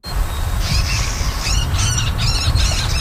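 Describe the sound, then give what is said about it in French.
A marsh bird gives a rapid series of harsh, squawking calls in repeated bursts, loud, over a steady low rumble of outdoor background noise. “recenser les oiseaux, comme le buteur d'Amérique, le râle de Virginie ou la marouette de Caroline”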